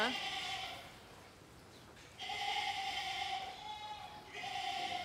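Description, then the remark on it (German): Excited lambs bleat loudly in a barn in three long, wavering bursts, the calls overlapping with short pauses between them. “Zuerst sind die Lämmer dran. Die sind schon aufgeregt.”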